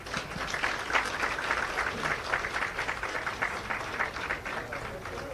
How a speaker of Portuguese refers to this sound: E uma grande salva de palmas.